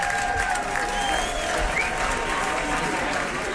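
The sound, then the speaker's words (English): Steady, dense applause from a large live audience applauding a band fills the whole stretch, a continuous wash of clapping with faint whistles or cheers rising above it. “Well, as you can hear, that is a very appreciative crowd applauding for”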